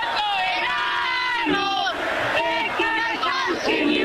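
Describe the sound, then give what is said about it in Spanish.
A large crowd of fans shouts and cheers continuously, many voices overlapping in loud sustained yells with rising and falling chant-like tones, no pauses throughout. “Pero a ver, un poquito más de grito, a ver, para que la gente escuche el país.”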